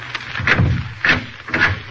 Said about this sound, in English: As he walked, he looked carefully at each closed door he passed. Then, on reaching the end of the corridor, he stopped and opened the door.